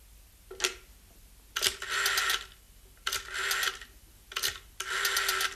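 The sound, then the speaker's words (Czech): A telephone being dialed, with a sharp click followed by about a second of whirring, clicking mechanism, repeated three times in a steady rhythm with short pauses between. “Telefon už bude fungovat.”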